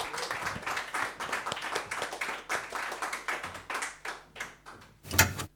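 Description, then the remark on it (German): An audience applauds steadily, a dense crackle of many hands clapping at once, moderately loud, with one sharper burst near the end before it fades. “Bitte bleiben Sie da bis zum Schluss. Applaus.”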